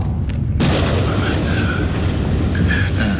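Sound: thunder clap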